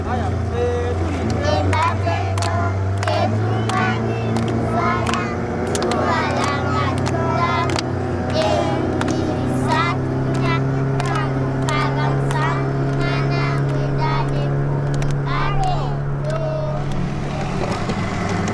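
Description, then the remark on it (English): A motorboat engine drones steadily on a lake for the whole stretch, a constant low hum, while several voices talk or sing loudly over it. “Halfway through the lake, the engine fails.”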